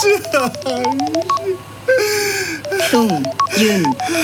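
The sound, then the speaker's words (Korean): A phone rings with an incoming call, its bright electronic melody of short tones repeating steadily, while a voice announces the incoming call and asks whether to answer it. “전화가 왔습니다. 받을까요?”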